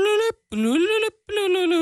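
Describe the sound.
Someone imitates a truck horn with their voice in three loud, buzzy honks. The first is short, the second longer and rising in pitch, and the third held steady.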